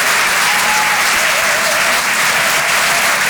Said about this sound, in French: Merci d'applaudir très fort pour sa première ce soir sur Rire et Chansons Comedy Club